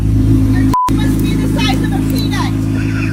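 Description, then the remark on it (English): A Corvette sports car engine rumbles loudly with a deep, steady roar at a gas pump, briefly cut out by a short tone near the start, while faint voices talk underneath. “Don't do that again with your car. It's illegal.”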